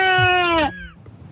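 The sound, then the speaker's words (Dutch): A single drawn-out bleat from a person imitating a sheep, loud, with a wavering harmonic tone that fades after about half a second. “Oh, schaap ook. Wacht even. En een schaap.”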